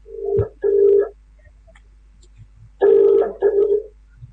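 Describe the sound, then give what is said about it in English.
A telephone ringback tone from a call being placed to Mr. Rogers rings in two double bursts, each pair a short steady buzz repeated quickly, separated by about two seconds of quiet. Fairly loud and clear, with no talking. “It is ringing.”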